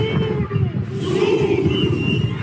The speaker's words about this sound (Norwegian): De roper kamprop og ser ut som de skal i krigen. Demonstrantene protesterer mot innvandring og spesielt illegale migranter som har funnet seg jobber i Sør-Afrika.